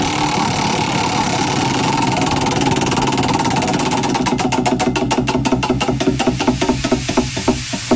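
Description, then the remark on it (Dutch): A prize wheel spins with a whirring rattle, then its pointer ticks in a rapid, even clicking that gradually slows as the wheel winds down. No voices are heard. “Oké, ik ga het rad weer even draaien.”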